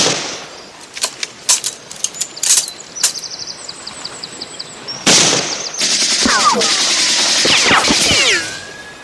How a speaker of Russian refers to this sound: Женя стреляет в немцев.